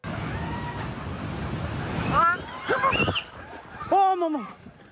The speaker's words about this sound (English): This is the moment a landslide hit the town of Chame in Manang District.